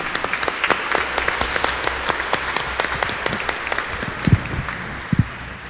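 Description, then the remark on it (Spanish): At a Catholic Eucharistic celebration honoring Our Lady of El Quinche, a crowd applauds the Virgin Mary. Many hands clap in a dense, sustained burst, with a few louder individual claps standing out near the end. “Démosle un fuerte aplauso a nuestra Madre, la Santísima Virgen María.”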